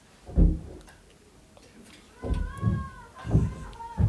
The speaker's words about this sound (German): Jetzt hört man schon. Aber das ist nicht oft so laut. Jetzt liegt's aber los, ne? Das ist, der hat so eine Klimmzugstange und dann schwingt er immer voll gegen eure Wand.